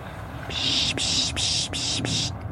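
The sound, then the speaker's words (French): A person imitates a raptor's call to make birds come: four raspy, hissing screeches run together in quick succession, each separated by a brief catch, with no talking around them. “On peut imiter un peu les rapaces ou certains bruits d'oiseaux pour les faire venir et pour dire ouais, je t'ai vu, viens voir.”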